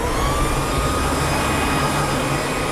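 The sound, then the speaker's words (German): A leaf blower runs steadily, its loud motor roar holding even throughout with a thin high whine on top and a low rumble beneath. No one speaks. “Das ist die Laubbläser. Dass die lärmen und stäuben und lästig sind.”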